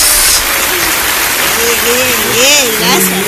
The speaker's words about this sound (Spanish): un aplauso.